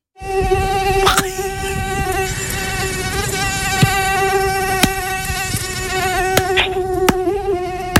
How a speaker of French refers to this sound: Moi, j'ai pensé plutôt aux moustiques. Oh, attendez. On va réécouter.